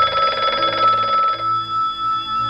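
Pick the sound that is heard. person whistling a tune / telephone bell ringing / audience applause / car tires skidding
telephone bell ringing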